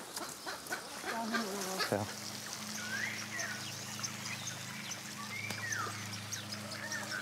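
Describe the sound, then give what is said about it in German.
A weakened, lame-footed stork, just caught in a thicket and held by the neck, gives several short honking calls, with rustling and handling noise underneath and a steady low hum in the background. “Dann geht alles ganz schnell. Nils fängt im Dickicht die fußlahme Luise und hält ihren Hals. Dagmar übernimmt den geschwächten Vogel”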